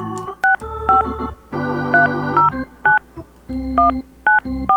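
A rapid series of touch-tone telephone dialing beeps as radio station Country 103.9 WRBI calls this week's Finding Rosie Red contest winner, each short paired tone clear, with a low background hum between some of the presses.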